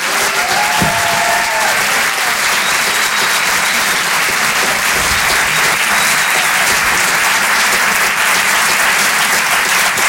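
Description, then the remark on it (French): A crowd applauds warmly and steadily for about ten seconds, a dense, loud wash of clapping with no pauses and a few faint cheers rising over it, welcoming comedian Anne Roumanoff on Rire et Chansons. “Je vous demande d'applaudir très chaleureusement, s'il vous plaît, sur Rire et chansons, Anne Roumanoff.”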